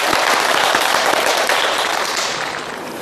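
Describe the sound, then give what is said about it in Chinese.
A crowd applauds with steady, dense clapping that holds loud and even for a few seconds before easing slightly toward the end, welcoming a teacher who is about to demonstrate a recitation of Du Fu's poem. No one speaks over it. “我们掌声欢迎。”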